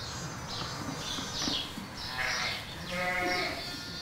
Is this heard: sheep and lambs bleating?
yes